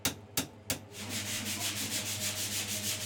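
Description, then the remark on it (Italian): Sandpaper rubs over the olive-wood handle of a handmade knife with a carbon blade: three separate scraping strokes, then a quick, steady back-and-forth sanding rhythm, with a low constant hum underneath and no voices. “Qualche tocco di carta vetrata, una bella spennellata di vernice trasparente ed ecco esaltate le venature dell'olivo di questa creazione unica.”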